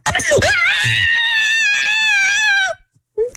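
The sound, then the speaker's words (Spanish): A woman lets out a long, loud, high-pitched scream of excitement lasting over two seconds, sustained and piercing, after being told she has won four tickets to Six Flags; it cuts off abruptly, followed by a brief faint vocal sound. “Así mero va a gritar cuando le metan el susto allá.”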